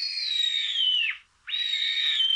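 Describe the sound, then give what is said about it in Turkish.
Two long, thin, high-pitched calls from a Eurasian sparrowhawk, recorded in Konya, Turkey, by Dursun Bal and shared in eBird's Macaulay Library, each drawn out and sliding slightly downward at the end, separated by a brief pause, loud with no talking. “Atmacayı Dursun Bal Konya'da.”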